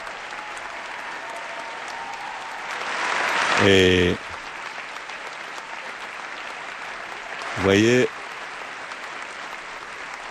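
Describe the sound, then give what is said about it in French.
A large audience in a hall at a UNESCO event applauds steadily for the whole stretch after the Pope has entered, a dense, even roar of clapping. Two brief, loud tonal bursts rise above it, and a man speaks briefly over the applause. “je n'ai pas chronométré les minutes d'applaudissement, mais ils manifestent vraiment leur joie depuis que le Saint-Père est rentré dans la salle.”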